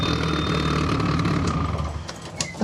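A car engine runs loudly at a steady idle, its exhausts coming out through the bonnet, a deep throbbing rumble with a raspy, uneven exhaust burble layered on top and no voices.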